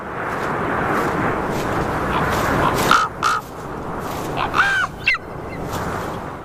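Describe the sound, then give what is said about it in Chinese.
Several harsh crow caws ring out in a short, irregular burst over a steady wash of wind-like background noise, with a couple of sharper rising calls toward the end, as crows try to lure away an intruding juvenile golden eagle. “杜鸦试图引开这个不速之客，可显然金雕幼鸟已经被食物的气味深深吸引。”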